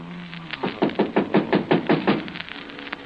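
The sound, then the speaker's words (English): A rapid series of about ten firm knocks on a door by a neighbor, evenly spaced, lasting around two seconds before a quiet tail. “Somebody at the door.”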